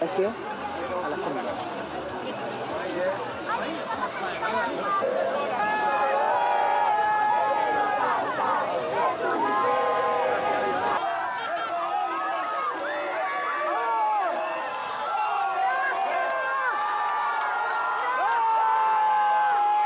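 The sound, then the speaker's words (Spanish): A crowd of Argentine fans shouts and cheers over one another throughout, repeatedly crying "gracias" (thank you) to the Argentina national team players boarding their bus after arriving by plane, voices overlapping in a dense, steady roar with higher-pitched cries rising out of the mix, including a strained woman's voice. “Es conmovedor ese grito de gracias, gracias, gracias, ya quebrando la garganta inclusive de la señora, al parecer que le da su...”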